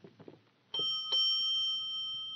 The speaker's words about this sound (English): Shall we ring the bell? I might as well.